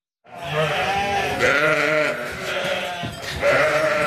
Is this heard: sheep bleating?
yes